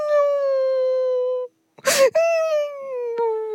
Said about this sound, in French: Toudou, explique-moi pourquoi tu pleures comme ça. Je ne comprends pas. Regarde, tu pleures tellement que tes poils sont tout mouillés.